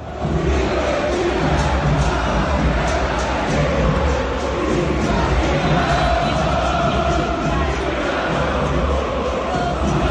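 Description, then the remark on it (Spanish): A large stadium crowd chants insults at Tapia in unison, singing "vos sos hincha de Boca", a dense, steady roar of many voices that stays loud and unbroken for about ten seconds, with rhythmic swells running through it. “Algunos cantaban vos sos hincha de Boca, la que te parió.”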